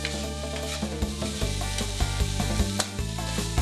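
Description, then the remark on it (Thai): Herbs and minced shrimp sizzle steadily in hot oil while a utensil scrapes and stirs them around a pan, with sharp clacks every half second or so and no voices. “นำพาไปผัดในน้ำมันให้สมุนไพรส่งกลิ่นหอมพร้อมตามใส่คือกุ้งสับปรุงรสด้วยขาวและน้ำตาลมะพร้าว”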